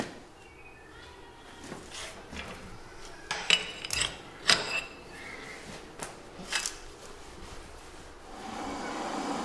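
Steel rods being bent with a hand lever: a series of sharp metallic clanks and scrapes, some briefly ringing, spaced irregularly over a steady low background hum, with no talking.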